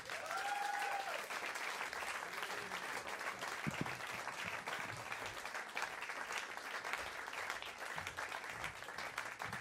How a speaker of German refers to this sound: Bitte gebt einen riesigen Applaus